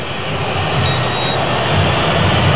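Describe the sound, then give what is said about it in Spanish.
A single short, high-pitched attention whistle from English referee Taylor at a football match involving Colombia, before a corner kick, about half a second long, cuts faintly through a steady, loud roar of crowd noise. “Sonó el silbato, pero de atención del árbitro Taylor.”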